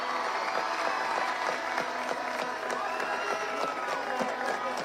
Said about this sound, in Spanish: Y pido un fuerte aplauso para todo este gran grupo que representó a nuestro país.